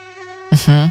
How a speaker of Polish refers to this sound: Jest taki dźwięk, który nieodłącznie kojarzy się z wakacjami. To oczywiście bzyczenie komara.